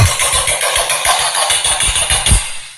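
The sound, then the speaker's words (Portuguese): A loud, sputtering fart sound effect rattles on for nearly three seconds, a rough low flutter with a harsh, noisy edge and a final burst near the end. No one speaks. “Esse peido alto é de felicidade.”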